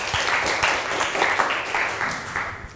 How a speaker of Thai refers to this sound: เก่งมากปรบมือหน่อยค่ะ